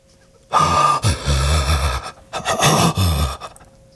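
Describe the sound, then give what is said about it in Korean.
Two long, ragged gasps for air, each a loud, rasping breath with a harsh, strained edge, separated by a brief pause, with no talking, as a man struggles to breathe again. “이제야 숨이 제대로 쉬어졌다.”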